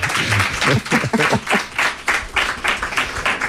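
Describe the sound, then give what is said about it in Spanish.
A crowd applauds with steady, dense clapping that rises and falls in loud rhythmic bursts, with a few voices mixed faintly underneath. “Bueno, un aplauso.”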